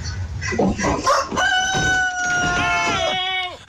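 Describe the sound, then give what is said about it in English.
A family's rooster on a South Carolina porch lets out one loud cock-a-doodle-doo, a long drawn-out crow that drops in pitch at the end, preceded by a second of scuffling, clucking noise. “Got terrified when the family's rooster approached him.”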